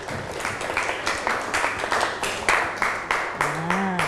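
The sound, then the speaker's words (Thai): A classroom of students claps together for groups 2, 3 and 4 in a steady, rhythmic beat, about a dozen even claps in four seconds, loud, with a voice briefly audible near the end. “เก่งมากค่ะปรบมือให้กลุ่ม2กลุ่ม3กลุ่ม4”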